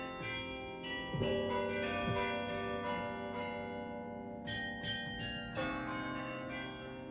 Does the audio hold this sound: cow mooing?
no